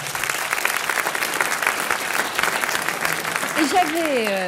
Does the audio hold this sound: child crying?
no